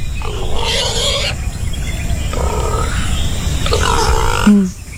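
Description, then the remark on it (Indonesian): A wild boar grunts three times, each call a loud, rough, drawn-out snort separated by short pauses, over a steady low rumbling background with no talking. “Panjang umur memang babi ni.”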